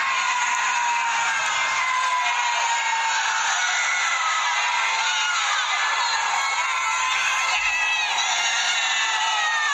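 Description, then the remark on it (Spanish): A crowd of people on balconies above a street shouts and cheers continuously while Argentina is playing a match, many overlapping voices yelling "dale, dale" and whooping in an encouraging chant-like din, steady and fairly loud throughout. “Veo que empiezan a gritar y me pongo a grabar. Estaban diciendo, dale, dale.”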